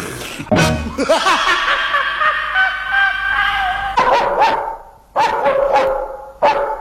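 A dog barks loudly: one sharp bark, a drawn-out whine, then a run of several quick barks in uneven bursts.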